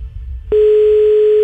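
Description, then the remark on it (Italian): A loud, steady telephone ringing tone of an unanswered call starts abruptly after a half-second of low background rumble and holds unbroken to the end, a single pure electronic pitch with no voices. “Puttana, non risponde.”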